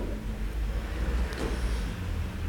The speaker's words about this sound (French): passe un camion Solvay.